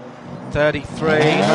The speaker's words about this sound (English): 33, car is out. There goes the Honda on Arjuna's pit mic there.